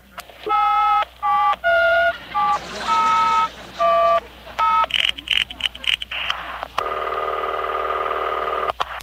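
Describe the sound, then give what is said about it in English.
A quick run of touch-tone telephone dialing beeps as a number from a phone book is dialed, roughly eight short tone bursts in a row, then a few crackly clicks and a steady, buzzy line tone that holds to the end. “I'll just dial any number in the phone book.”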